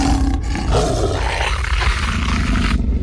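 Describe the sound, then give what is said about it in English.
A loud, sustained beastly roar fills the moment, a deep growling bellow that rises and churns for about three seconds as a shapeshifting creature transforms into a wolf, with no voices alongside. “It shapeshifted into a wolf.”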